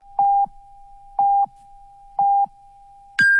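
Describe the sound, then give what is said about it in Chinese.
A China Mobile-sponsored radio hourly time signal on 919 Hit FM, Xuzhou Radio and Television, marking 8 a.m.: three evenly spaced short low beeps about a second apart, followed by a higher-pitched final beep, clear and steady with no voices. “中国移动为您整点报时。”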